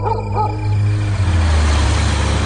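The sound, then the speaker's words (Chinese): A small car's engine rumbles steadily and loudly with broad road noise as it drives through city streets to the west railway station. A couple of brief higher-pitched calls cut in at the start. “十几分钟以后，身穿少将军服的段仲宇亲自开着小汽车穿过市区，在火车开车前赶到西站，将贾义斌送上了开往嘉兴的列车。”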